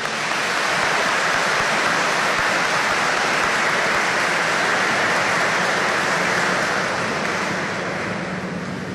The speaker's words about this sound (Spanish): Tiene la edad de 94 años y está aquí presente. Un aplauso, por favor.